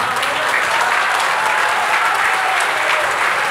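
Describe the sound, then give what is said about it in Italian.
A large audience claps steadily and loudly after a pledge to end military cooperation with Israel, a dense wash of applause that holds at full strength for several seconds without fading. “ma però mettiamoci d'accordo, cerchiamo di ridurre gli applausi, perché sennò poi, perché ho diverse cose da dire,”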